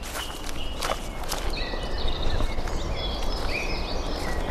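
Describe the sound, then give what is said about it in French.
Woodland ambience in the Bois du Jorat forest, Switzerland, with steady rustling of leaves and crunching steps underfoot as a group of six people walks in silence behind a guide, while a few thin, high bird calls chirp faintly. No one speaks. “Des bruissements de feuilles, il y a quelques chants d'oiseaux.”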